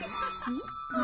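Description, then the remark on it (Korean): A bell rings with sustained, slightly clashing tones that sound out of tune, while a voice briefly exclaims in surprise over it. “종소리도 이상한데?”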